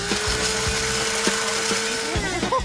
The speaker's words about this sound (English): Now put them into the blender and hit puree to make it nice and smooth. Everything in the blender? And now puree.